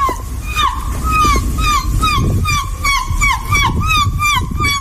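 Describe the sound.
A prize-winning seagull impersonator imitates a seagull, giving a rapid string of high, rising squawks in steady rhythm for several seconds over a low, rumbling background.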